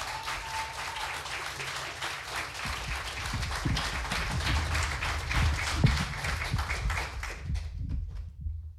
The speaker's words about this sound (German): Wir kommen zur nächsten Starterin. Sie kommt aus Flensburg. Bitte heißt auch sie mit einem 10-Punkte-Applaus hier vorne willkommen.